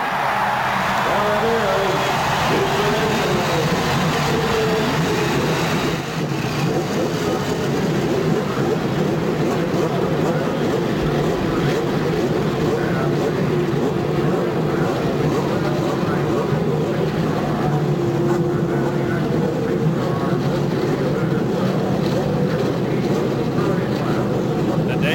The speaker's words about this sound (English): Now, lady and gentlemen, start your engine.